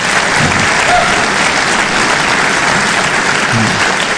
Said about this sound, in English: Now, give me an applause. How many of you believe that God's word is true? Give me an applause if you believe it.